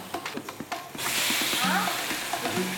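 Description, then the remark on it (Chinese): Chicken wings hit a hot pan after a second of light clattering, and a loud, steady sizzle of frying takes over as they are pan-fried until lightly browned on both sides, with faint voices murmuring underneath. “先把这个鸡翅煎到两面都微焦。”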